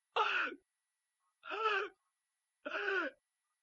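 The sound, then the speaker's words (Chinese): Three heavy, labored gasping breaths, evenly spaced about a second apart, each a loud, strained, voiced heave, performed by a storyteller's voice imitating the ailing emperor Zhu Yuanzhang struggling for air in his bed at Wanshou Palace. “到了7月23这天，他们就在万寿宫围在朱元璋的床前，一看呢，朱元璋是大口喘气儿。”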